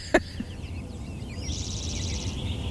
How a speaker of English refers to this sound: So tell me a little bit about why are these birds calling right now? What is that telling you? One of the things they do when they sing first thing in the morning, and I started listening today about 4:45, and the robins were really going off already